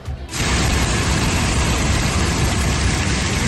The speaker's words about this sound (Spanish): Escuchábamos ese sonido del granizo caer en el sur de Extremadura.